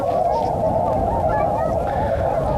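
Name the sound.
flock of swans honking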